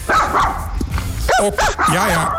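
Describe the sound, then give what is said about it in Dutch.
A dog barks in quick, loud yaps, ending in a few whiny, pitch-bending yelps over a noisy background. “De situatie verslechterde toen zij aangaf dat het geblaf haar concentratie verstoorde.”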